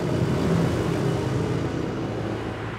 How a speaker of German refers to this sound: Noch aber dürfen Autos hier mit 50 Kilometer pro Stunde vorbeifahren.